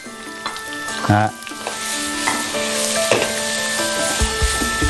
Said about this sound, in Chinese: 哎，下盐。 嗯。 那这黄瓜需要我在锅里炒烂吗？出汤吗？不需要。 哦。哎， 不需要。现在黄瓜已经，实际呢，黄瓜已经是保持黄瓜的脆嫩。 嗯。 哎。 其实就是一个断生的过程， 断生的过程。